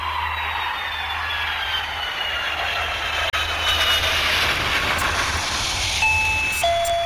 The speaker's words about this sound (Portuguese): Campainha tocou, você já sabe